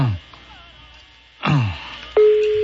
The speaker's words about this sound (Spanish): Está sonando, mijo, el teléfono, a ver si contesta este güey. Espera un poquito, el audífono, un puntito.